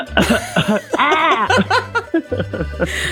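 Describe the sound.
A voice imitates a seagull with allergies standing on a rock, mixing a string of loud, raspy coughing bursts with a strained, wavering squawk in the middle, performed alone without other talking.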